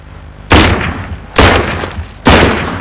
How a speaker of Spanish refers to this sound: Dispara al suelo.